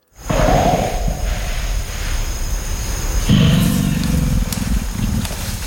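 A deep, rumbling animal grunt, loud and low-pitched, with a rough growling texture. It swells in a long sustained burst and then a second heavier pulse. This deeper grunting vocalization is called a 'belge'. No one speaks.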